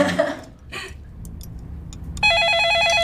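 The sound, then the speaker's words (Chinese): A phone suddenly starts ringing with a loud, steady electronic trill for an incoming call from the man's wife, continuing to the end after a few brief rustling and shuffling noises. “我媳妇来了。 喂。”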